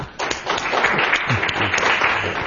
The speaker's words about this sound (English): We applaud first because it's all downhill from here.